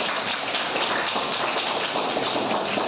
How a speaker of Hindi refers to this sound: मोहित sir के लिए ताली बजाओ।